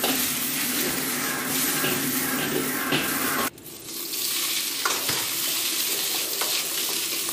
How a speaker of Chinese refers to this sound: 热锅烧油，姜片爆香